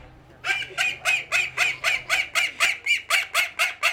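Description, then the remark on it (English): Chickens in the poultry section of a show, housed in a container, cluck in a fast, steady series of about a dozen loud, raspy pulses, evenly spaced and bright in tone. No one speaks, and only a low hum sits underneath. “In the poultry tent, well, it's not really container, a tent, is it?”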